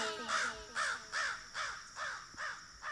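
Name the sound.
raven cawing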